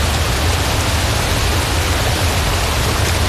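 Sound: waterfall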